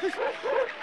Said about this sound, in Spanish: ¡Dejen de ladrar! Mota, Fabiola, Sombrío. ¡Dejen de ladrar y naden! ¡Naden! ¡Naden, pues!